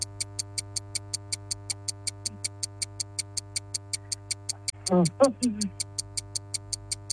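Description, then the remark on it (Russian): A quiz countdown clock ticks rapidly and evenly while a contestant's answer time runs out, about five crisp ticks per second, over a steady low hum, with a short burst of a voice briefly cutting in near the end. “Часики тикают.”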